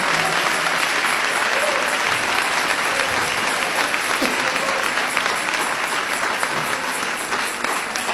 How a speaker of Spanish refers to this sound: Y ahora podemos adorar a Jesucristo en espíritu y en verdad. Dele ese aplauso de alabanza al Señor.